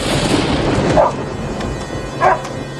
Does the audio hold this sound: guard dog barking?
yes